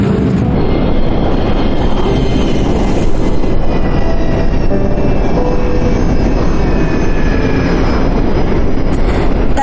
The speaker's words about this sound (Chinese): 30分钟后就会上升到巡航高度，感觉飞机声音变小了吧？因为我们不再需要那么大的推力